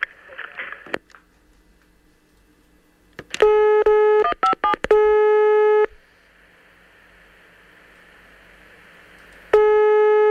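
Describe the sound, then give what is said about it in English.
Loud electronic telephone dialing tones: a quick run of short beeps, then a steady held tone, a stretch of faint line hiss, and the tone returning at the end. “Can you check your tank roof, please? I check it now? Yes, and phone me again.”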